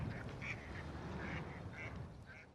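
A duck quacks repeatedly in short, nasal bursts, five or six calls spaced irregularly over a steady low background rumble, fairly quiet.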